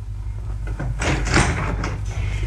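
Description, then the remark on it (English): A front door opens with a muffled rattle and clunk lasting about half a second, set against a steady low hum, with no voices. “He's got his own front door key.”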